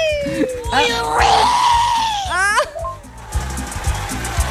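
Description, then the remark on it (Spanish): A loud, drawn-out Mexican-style grito, a warbling yell that swoops up and down in pitch with a sharp trilling break near the end, heard over a steady rhythmic musical beat. “Ese era como medio mexicano el grito.”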